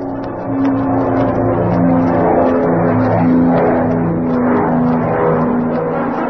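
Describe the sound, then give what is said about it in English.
Catwoman's small airplane takes off from a private airfield near Chatfield, Arkansas. Its engine roars loudly and steadily, a droning propeller hum that holds strong throughout, with no voices. “Too late. They're taking off.”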